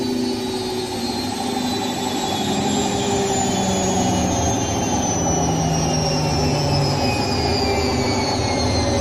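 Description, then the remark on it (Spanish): A loud, steady mechanical roar with a low rumble and layered whining tones, one high whine slowly gliding downward, as a washing machine drum spins a dress at high speed, with no voices. “El tambor de la lavadora va a tal velocidad revolucionado que el vestido es solo una rápida mancha descolorida que da vueltas enloquecidas.”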